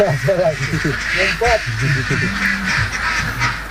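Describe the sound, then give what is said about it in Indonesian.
Dense chorus of many egg-laying ducks quacking in a crowded pen that holds about 1,000 ducks, overlapping calls continuing steadily throughout with a busy, noisy background. “Untuk satu kandang seperti ini, biasanya kapasitas bebeknya mencapai 1.000 ekor bebek.”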